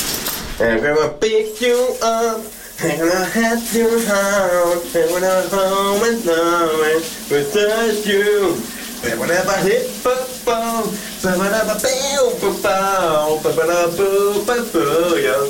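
A man sings a 1980s hit loudly and continuously under the shower while a steady hiss of running shower water fills the background underneath his voice.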